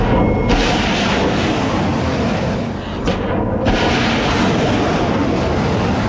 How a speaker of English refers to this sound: Is the sound of missiles being launched by the US Navy, which America said were aimed at rocket launchers used to lay mines in the Strait of Hormuz.